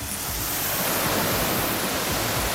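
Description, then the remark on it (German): A steady, loud hiss of water spraying from a garden hose as an animal keeper gives the alpacas a shower in their enclosure at Tierpark Luckenwalde, continuous, with no voices or breaks. “hat im Gehege der Alpakas den Wasserschlauch schon in der Hand. Na dann, kann losgehen. Okay, dann machen wir Wassermarsch.”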